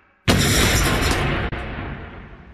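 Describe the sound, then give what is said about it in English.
A pipe bomb explodes in a family van just as the van starts moving, a sudden, deafening blast after a moment of quiet, followed by a loud, rumbling roar that slowly fades. No voices are heard. “Just as the van started moving, there was an explosion.”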